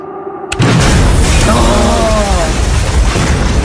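A bomb belt is set off: a sudden, loud explosion bursts in after a brief low hum, then a heavy roaring rumble sustains for several seconds as debris seems to rush and rattle.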